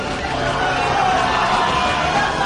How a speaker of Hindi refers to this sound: बूंदों की आवाज, लोगों की भगदड़, चीख पुकार, शोर गुल।